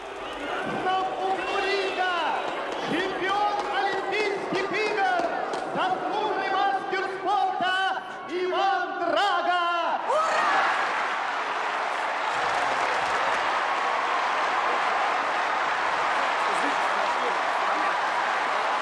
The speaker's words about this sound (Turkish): Şampiyonlarına tezahürat yapıyorlar.